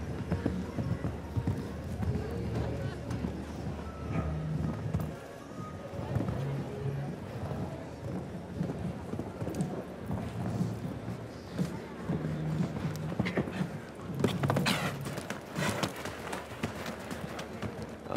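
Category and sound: animal, horse hooves clip-clopping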